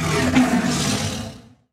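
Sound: big cat roar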